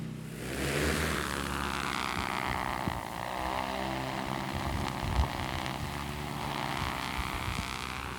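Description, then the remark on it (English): Loud, steady whirring of the propellers of a very large drone launching for fire drone ignitions, a dense mechanical hum with layered whining tones that holds constant for several seconds without voices. “All right, we're ready to launch the drone.”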